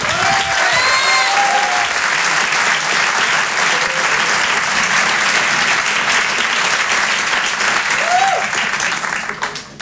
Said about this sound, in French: On va accueillir maintenant une comédienne qui commence à avoir un très beau, qui commence à avoir un très beau parcours derrière elle. Je vous demande de l'applaudir elle aussi très fort.